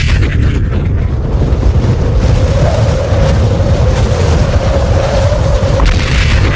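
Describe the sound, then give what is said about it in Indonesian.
A thunderous booming sound effect, a loud, sustained low rumble that roars steadily for several seconds with a faint droning tone running through its middle. No voices are heard. “Bersamaan dengan lahirnya bayi tersebut, muncul seberkas cahaya yang disertai dengan bunyi suara menggelegar.”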